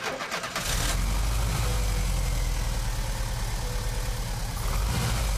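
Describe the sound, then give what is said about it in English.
A car engine cranks briefly at the first press of the starter button and catches within the first second, then settles into a steady, rumbling idle that continues to the end. “Then replaced it and the distributor cap, and the engine sprang to life with the first press of the starter button.”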